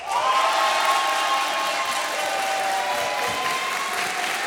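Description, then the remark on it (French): Sustained applause from an audience gathered at a town hall for a live France Inter broadcast, welcoming the hosts; a dense, steady wash of clapping at an even loudness throughout, with a faint whistle-like tone and some cheering mixed in. “Vous avez un grand sourire parce que c'est agréable d'être accueilli et applaudi comme ça.”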